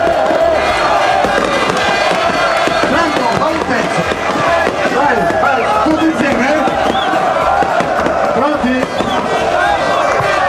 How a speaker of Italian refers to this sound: ecco le bottiglie che vengono stappate, il bagno solito. Taranto in C2.